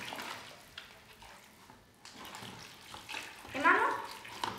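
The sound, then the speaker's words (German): Water is poured in a steady, splashing stream to mix new plaster for casting a rosette. The stream briefly pauses, then resumes louder and swells toward the end, with a faint voice murmuring underneath. “So, jetzt müssen wir noch einmal neue Gips anrühren. Hier, Wasser.”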